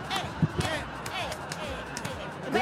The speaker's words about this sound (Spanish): No sé, pero ya empezamos a aplaudir cuando bailamos, así que ya estamos viejos.